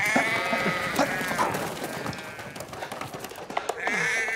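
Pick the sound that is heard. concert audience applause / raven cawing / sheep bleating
sheep bleating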